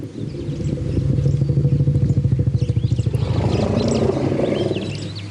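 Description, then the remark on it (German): An elephant's deep, throaty rumble pulses steadily for several seconds, growing slightly rougher and louder toward the end, as one elephant calls another by name, from research by Colorado State University; small birds chirp and tweet faintly in the background. “Hier ruft ein Elefant einen anderen beim Namen.”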